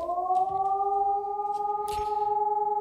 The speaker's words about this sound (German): Ja, erst um 11 Uhr das Auf- und Abheulen der Sirenen, das im Ernstfall dann alle in der Stadt warnen soll. Und dann kurz danach ein durchgehender Ton.